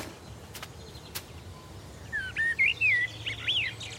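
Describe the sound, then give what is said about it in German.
A songbird in a garden sings a run of bright, warbling whistled notes over faint background hiss, starting after a couple of quiet seconds and repeating in short phrases. A couple of soft clicks come early on. “Den Singvögeln helfe ich mit Mehlwürmern über die magere Zeit.”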